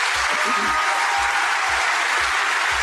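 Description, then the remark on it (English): A large audience at an award ceremony claps steadily, in honour of two journalists who made the film, in a dense, continuous wash of applause that fills the whole stretch at an even, fairly loud level, with no voices standing out above it. “So I'd like a round of applause for them, please.”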